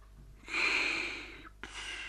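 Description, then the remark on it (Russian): A man snoring: one long, rasping, breathy snore lasting about a second, then a brief pause before the next one begins. No talking. “Храпел он.”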